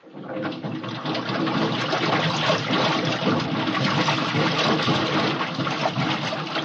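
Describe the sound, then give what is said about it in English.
Water rushes in steadily as an airlock chamber is filled, a loud, dense churning and gurgling that holds at an even level for several seconds without pause. “Okay, I'm going to fill the lock.”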